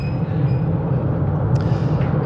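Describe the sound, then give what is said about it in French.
A train starts moving and rolls along with a loud, steady low rumble and dense mechanical noise, a faint high whine above it and a brief metallic clank partway through. “Eh ben, ça roule. Ah ouais, effectivement, c'est bruyant, eh.”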